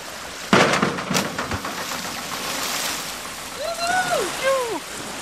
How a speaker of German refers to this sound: Du bist auf jeden Fall Arschbombenprofi. Deswegen wirst du mir gleich erstmal zeigen, wie das funktioniert.